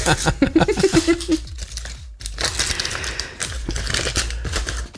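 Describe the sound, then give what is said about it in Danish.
A crumpled paper ball, a lot drawn from a bowl to pick a prize winner, is pulled open, with dense crinkling and crackling rustles throughout, a brief pause midway, and a short vocal murmur near the start. “Åh, der var en meget grim krøllet kugle her.”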